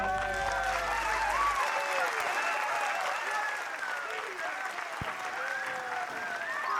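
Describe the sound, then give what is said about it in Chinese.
A crowd applauds steadily for several seconds, dense clapping at a fairly even level, with indistinct voices mingling in beneath the noise. “谢谢， 感谢大家的掌声哦，谢谢。”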